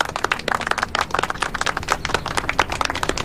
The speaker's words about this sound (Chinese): 我让你们鼓掌了吗？